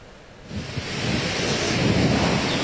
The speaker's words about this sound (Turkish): Ancak şu an rüzgarın şiddetli olduğunu söyleyerek başlayalım.